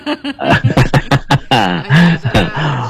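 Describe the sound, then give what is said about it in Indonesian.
A quick run of short, rough coughs and throat clearing, fairly loud, about half a dozen bursts in a row, followed by strained voiced sounds. “Buat semuanya aja, karena keburu batuk saya juga deh.”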